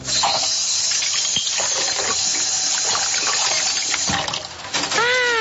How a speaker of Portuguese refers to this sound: Ah, olha só. Esse menino tá lavando louça. E ele gosta de fazer isso.